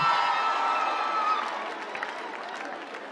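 An audience applauds steadily for about three seconds, a dense wash of clapping mixed with cheering voices, loud at first and easing slightly toward the end.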